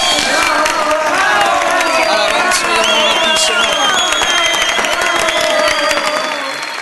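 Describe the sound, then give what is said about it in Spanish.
A crowd applauds and cheers for the Lord Jesus at a steady, loud level, with many voices shouting over continuous clapping that carries on for several seconds before easing slightly at the end. “Te aplaudimos, Señor Jesús.”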